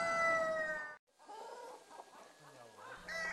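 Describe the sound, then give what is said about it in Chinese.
A rooster's crow rings out briefly and cuts off, followed by a flock of free-range Shengtang chickens clucking in scattered, overlapping bursts, with a low hum in the background. “一旦碰上老鹰在山野中觅食，鸡群就只能服从弱肉强食的法则。”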